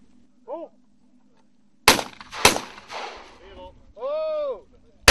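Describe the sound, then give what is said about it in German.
Two loud, sharp gunshots crack out about half a second apart at a clay pigeon range lit by floodlights of about 5000 watts, each with a short trailing echo, bracketed by brief shouted calls before and after. “Und Sie können ja gleich sehen, wenn der erste Schuss fällt.”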